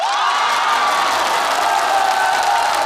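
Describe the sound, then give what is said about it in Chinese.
A crowd claps and cheers loudly and steadily, with whoops and high voices rising over dense, continuous applause throughout. “千言汇成一首歌，您一鼓掌我就唱。”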